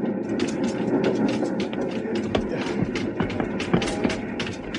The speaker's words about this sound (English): I started to crawl over the wood-loaded tender toward the carriage. Little train jumping, rocking over the uneven rails.